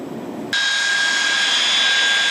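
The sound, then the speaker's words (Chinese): The engines of two J-11B fighter jets roar as they taxi one after another to the takeoff runway at the Air Force Harbin Flight Academy during trainee solo flight training: a low rumble giving way abruptly to a loud, steady blast with a piercing high-pitched turbine whine, continuous, no voices. “伴随着巨大的引擎轰鸣，两架歼-11B战机依次滑向起飞跑道。”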